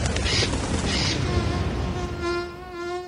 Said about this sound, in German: Nicht ganz so laut wie eine Drohne, aber trotzdem nervig. Mücken.